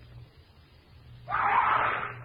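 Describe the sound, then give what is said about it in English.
A sudden, loud scream breaks out in a jungle at night after a moment of low, quiet rumble and holds for about a second before trailing off. No one speaks. “I head for the scream.”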